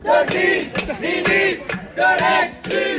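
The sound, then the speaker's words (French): A crowd of protesting artists chants the slogan 'Elisabeth de Grise, ministre de l'exclusion' in loud, rhythmic bursts while pots are banged in sharp metallic clangs throughout. “Elisabeth de Grise, ministre de l'exclusion, voilà ce que scandent les artistes présents sur fond de concerts de casseroles et à grand renfort de quelques calicots.”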